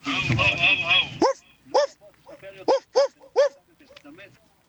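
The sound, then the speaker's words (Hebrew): A radio listener imitates a dog barking for an on-air barking contest: after a second of noisy, growly vocalizing, about five short, sharp barks come in an uneven rhythm, fairly loud, with a softer yip at the end. “הנביחה שלך בבקשה.”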